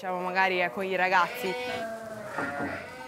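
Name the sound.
sheep bleating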